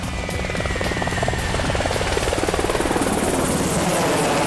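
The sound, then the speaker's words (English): A Black Hawk utility helicopter flying, its rotor blades producing a loud, steady rhythmic thumping over a constant engine roar and whine, with no voices. “It's a utility helicopter carrying out virtually every job on the battlefield.”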